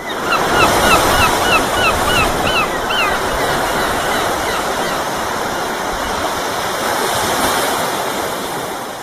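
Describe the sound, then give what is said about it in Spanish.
Steady ocean surf washes continuously while a string of seagull cries rings out over it during the first few seconds, then the waves carry on alone, loud. “Me empieza a oler un poquito el culo a gaviota, también te digo.”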